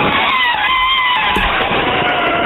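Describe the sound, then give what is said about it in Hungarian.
A voice imitates an elephant's trumpet with a loud, sustained, brassy blare, bright and harsh, wavering slightly in pitch for a couple of seconds without pause. “Van egy másik állatnak a hangja is, amit tök jól tudok utánozni, az az elefánt.”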